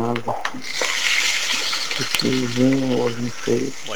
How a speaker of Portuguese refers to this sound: Fritando o ovinho, um ovinho agora. Fritando o ovinho agora pela manhã. Eu ouvi até o chiado, viu,